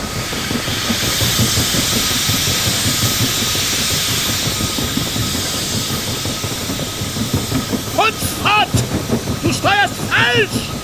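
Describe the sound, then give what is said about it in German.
A steamship engine wheezes and hisses steadily on a fog-bound ocean, a dense rushing hiss over rhythmic low chugging, with a few high warbling squeals near the end. “In diesem Schweigen hatte das Röcheln des Dampfers etwas Beunruhigendes und Klagendes.”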